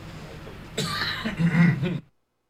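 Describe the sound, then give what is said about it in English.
A single rough cough during a KKCR radio broadcast bursts out after a brief quiet start, breaking into a raspy, throaty rattle that lasts about a second before cutting off into silence. “Let me cough first.”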